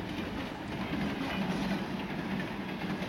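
A train rolling along the rails, a steady rumble with a dense hiss and faint rhythmic clatter, continuous throughout with no voices.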